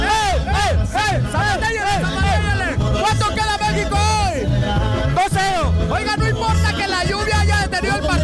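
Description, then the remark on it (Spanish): Several women shout and cheer loudly at a lively street party in Coajimalpa, Mexico, where families wait for a match to begin after rain has eased, their high, rising and falling cries overlapping without pause above a steady, thumping low beat. “Pero las mujeres gritan fuertemente.”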